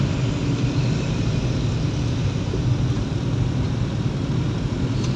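A steady, low rumble of vehicle engines and road traffic on the road from Tuntang toward Bawen or Semarang, Indonesia, where a truck has overturned, continuous and fairly loud throughout, with no voices and no distinct individual passes.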